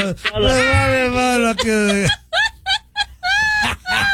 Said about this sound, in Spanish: Entonces estaba bostezando.